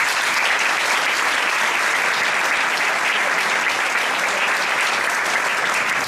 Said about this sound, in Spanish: Bienvenidos, y yo creo que un evento así, porque es muy importante lo que vamos a hacer hoy, se merece empezar con un fuerte aplauso, ¿no?